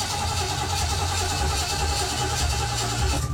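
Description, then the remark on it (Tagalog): A rough, rattly engine that is low on engine oil runs steadily for a few seconds, its low rumble constant and loud with a harsh, grinding texture on top and no speech. “Nga naman eh, murag lagbaga naman yung tingog sa ko ang makina.”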